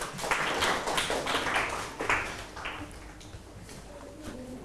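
A group of students in a math class clapping for two groups, a steady burst of quick overlapping claps that fades gradually over a few seconds into a quieter scattered patter.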